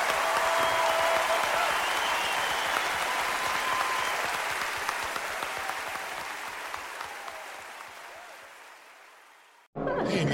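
A large audience applauds steadily in a dense wash of clapping that gradually thins and softens over about ten seconds before cutting off abruptly.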